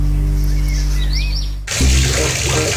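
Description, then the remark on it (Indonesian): A steady low hum with faint bird chirps, then a tap is abruptly turned on and water gushes loudly and continuously into a sink, left running while someone soaps the dishes. “Air dari kran itu terus ngalir loh dari tadi. Kenapa gak dimatiin sih pas nyabun piringnya?”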